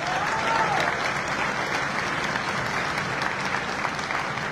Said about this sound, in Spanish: Un saludo y un fuerte aplauso